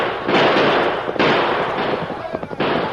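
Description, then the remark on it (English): Loud gunshots crack out in a rapid, irregular volley: several sharp blasts with smaller pops between them, over a constant roar of harsh, hissing noise that never drops away. The shots are fired at fleeing riders during a pursuit on horseback. “Let's shoot at them.”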